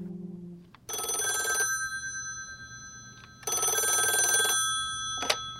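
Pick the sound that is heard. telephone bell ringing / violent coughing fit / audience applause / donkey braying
telephone bell ringing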